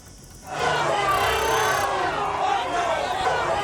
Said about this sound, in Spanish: Son los gritos, las pitadas, los insultos que han recibido el presidente del gobierno de algunos ciudadanos de Ceuta.